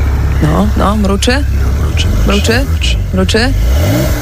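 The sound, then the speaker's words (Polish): A voice imitates a sports car engine starting and revving, presented as the new Porsche 911 of former Polish president Andrzej Duda, with rising and falling vroom-like bursts over a steady low rumble, fairly loud. “Słuchajcie, odpalamy nowy samochód byłego prezydenta Andrzeja Dudy.”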